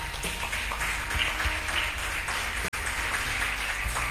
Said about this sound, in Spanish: Denle un aplauso a Jesús por eso, hermano.